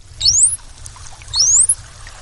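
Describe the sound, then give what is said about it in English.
A bottlenose dolphin's signature whistle, the dolphin equivalent of a name: two rising, high-pitched whistles sweeping sharply upward, one after the other, over a low watery rumble and faint underwater crackle. No one speaks. “You're listening to the dolphin equivalent of a name like Bob, Steve, or Jennifer.”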